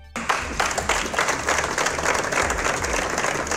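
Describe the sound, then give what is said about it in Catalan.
A crowd breaks into sustained applause after a brief quiet moment, ending minutes of silence held for a murdered woman; many hands clapping densely and steadily at moderate loudness with no voices standing out. “I l'endemà, avui de nou, els minuts de silenci que acaben amb aplaudiments.”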